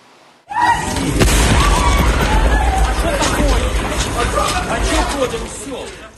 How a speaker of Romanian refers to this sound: O explozie puternică a declanșat panică în rândul pasagerilor.